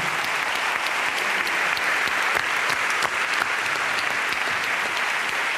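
Sustained audience applause, a dense, steady patter of many hands clapping at once, loud, continuing without a break for several seconds with no voices over it.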